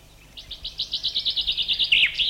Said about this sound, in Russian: Свою трель зяблик резко заканчивает так называемым росчерком. Некоторые зяблики, как, например, вот этот, добавляют еще короткий звук, как бы ставя вопросительный знак на конце. И такая песня зяблика считается наиболее полной.